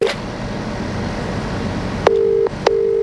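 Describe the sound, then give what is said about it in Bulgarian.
Steady telephone line tones play as a few short beeps, one brief at the start and two longer ones near the end, over a constant low hum, as a news team calls the phone of Georgiev, a missing bread-factory manager, and no one answers. “Георгиев не отговаряше и на телефона си.”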